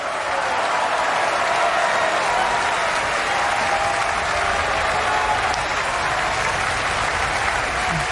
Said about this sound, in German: Das ist der Applaus für Georg Nigel, der hier die Titelrolle gesungen hat.